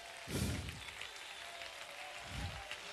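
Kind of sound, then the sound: crowd, audience applauding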